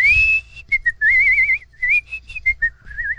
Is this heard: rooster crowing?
no